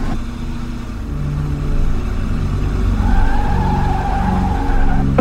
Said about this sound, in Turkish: İşte bak, İneceği yere geldi. Şimdi minibüs duracak ve içinden inecek.